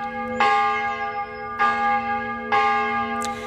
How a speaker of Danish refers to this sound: Hvis man i gamle dage vågnede op midt om natten ved, at kirkeklokkerne ringede, så var det tid at vælte ud af sengen og komme afsted, fordi i gamle dage der betød den her ringen om natten ofte, at der var far på færde.